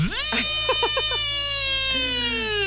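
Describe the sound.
A voice imitates an electric drill, a steady, bright buzzing whine that rises at the start and holds for nearly three seconds, with a few quick warbling pulses early on.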